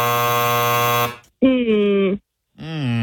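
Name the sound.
quiz show time-up buzzer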